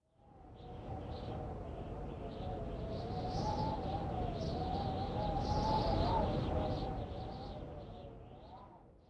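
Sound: strong wind blowing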